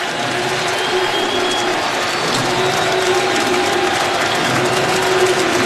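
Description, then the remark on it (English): A large, nearly full baseball stadium crowd cheers and roars steadily behind the pitcher during a night game, a dense, continuous wash of voices and clapping that holds at a loud, even level throughout with no clear speech on top. “This crowd has gotten behind Max Fried here tonight”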